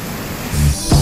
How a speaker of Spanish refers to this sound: No sé si el video es de ahora, pero mucha lluvia en Chiguayante.